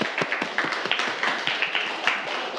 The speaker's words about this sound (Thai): ปรบมือให้เพื่อนด้วยครับนักเรียน